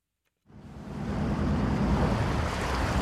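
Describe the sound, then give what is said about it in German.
After a moment of silence, the motor of a small coastal fishing boat in Mecklenburg-Vorpommern, Germany, starts up before sunrise as the fishermen head out to sea, settling into a steady low rumble, mixed with the rushing wash of sea water and wind. “Es ist still, bis der Motor anspringt und sie raus auf die See fahren, die kleinen Küstenfischer.”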